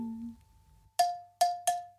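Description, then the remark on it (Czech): Four bright rings from small bells, presented as swinging meadow bellflowers, struck in a quick uneven rhythm, each with a clear high tone that lingers and fades. A soft low hum comes before them, and no one speaks. “No tak, je líbo něco jemnějšího, sličná slečinko, který rádo se stane, stačí rozhoupat zvonky luční.”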